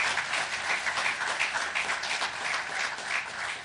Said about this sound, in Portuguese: Queria pedir uma grande salva de palmas para este exército de Bata Branca.